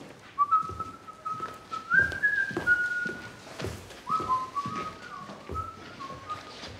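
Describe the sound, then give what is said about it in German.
A man whistles a meandering tune at moderate volume as he leaves early, the melody wavering up and down with short pauses, over soft, irregular thumps in the background. “Er geht früher, er pfeift, er ermittelt nicht.”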